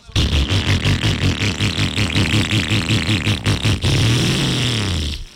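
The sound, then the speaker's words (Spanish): A motorcycle engine runs roughly, sputtering in uneven, rapid pulses, then revs up briefly with a rising whine before cutting off. It's loud, with no talking. “Bueno, me dice un amigo que la moto le está sonando así de”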